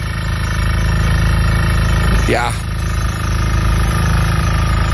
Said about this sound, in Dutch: En in jouw geval ook veel boren, want dit geluid klonk heel erg vanuit jouw vakantiebalkon.